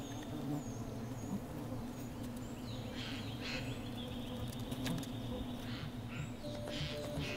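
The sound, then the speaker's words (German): A dense, steady drone of many honeybees buzzing without pause in a tree hollow in a forest, with faint bird calls chirping now and then in the background. “Der Grauspecht weiß instinktiv, wo kiloweise Süßigkeiten versteckt sind, obwohl er vielleicht nie zuvor Bienen in einer Baumhöhle im Wald gefunden hat.”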